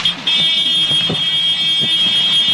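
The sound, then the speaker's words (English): A shrill, steady alarm tone blares without a break over loud, churning engine and rotor noise inside a news helicopter careening toward the ground during a live television broadcast. Nobody speaks. “At the beginning of the video, I thought that the microphone from the chopper was picking up some sort of alarm below.”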